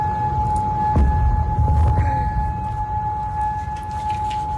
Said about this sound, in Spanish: El Ministerio del Interior de Bahrein ha informado de que se han activado esas alarmas antiaéreas en la zona.